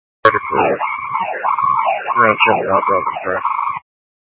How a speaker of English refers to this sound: All I can hear is a siren.